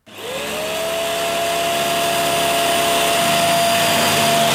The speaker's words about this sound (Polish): Odkurzacz po ciężkim dniu w pracy? Coraz więcej Polaków mówi dość.